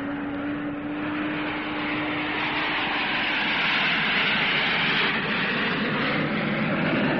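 Airplane engines roar steadily during takeoff, a loud, broad rushing drone with a low hum underneath that swells slightly over several seconds, with no voices.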